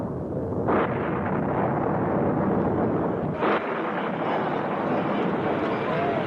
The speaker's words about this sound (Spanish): Después se vio el resplandor del relámpago y se escuchó el retumbar del trueno.